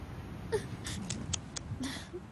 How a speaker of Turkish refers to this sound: Ağlama. Olur mu? Hı?